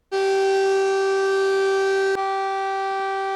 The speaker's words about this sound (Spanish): Estas son las sirenas que alertan a la población de la localidad de Ouissac.